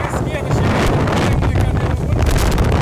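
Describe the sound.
Strong gale wind of over 100 km/h roars across a beach, buffeting the microphone in a loud, continuous rumble with gusty surges, while a voice speaks faintly underneath; red plastic chairs are being hurled through the air.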